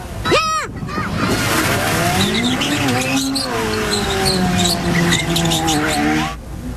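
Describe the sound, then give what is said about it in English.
Loud car engines rev and whine up and down while tires squeal sharply during dangerous driving stunts on a busy street in Moncton, New Brunswick, on a Saturday night after a car show, with a piercing screech near the start, over a constant rumbling roar and the noise of a large crowd. “Police have made arrests in connection with dangerous driving stunts in Moncton, New Brunswick.”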